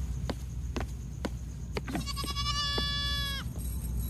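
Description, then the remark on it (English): A single goat lets out one long, wavering bleat lasting over a second, preceded by a few sharp clicks or knocks, all over a steady low background rumble. “That's what happens when you are a bad goat.”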